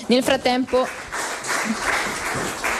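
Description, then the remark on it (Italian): A voice speaks briefly, then an audience at a cybersecurity conference breaks into steady applause for the speakers of the first panel: a dense, even wash of many hands clapping at moderate loudness that carries on to the end. “A questo punto io congederei i nostri relatori del primo panel, ringraziandoli ancora con un applauso per i loro importantissimi interventi.”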